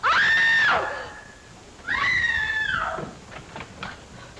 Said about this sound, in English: Who screamed? What's all the racket? Pounding on walls, screech?